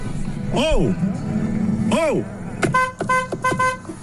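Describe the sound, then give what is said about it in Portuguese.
A car passes by on a street, giving a few short, bright horn toots near the end, with a brief voice heard amid the engine and road noise. “Eu tô aqui no opa, peraí, carro, perdão.”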